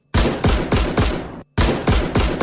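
A loud volley of rifle fire at the execution of Tan Qiwen and his 11 comrades: a quick run of four sharp shots, a brief pause, then another rapid burst of four, with no voices.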